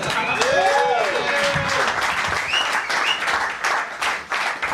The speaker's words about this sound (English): Round of applause.